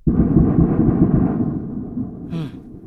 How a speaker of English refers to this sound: the strikes sounded really bad even while they were happening. We heard hours of very, very loud explosions like these.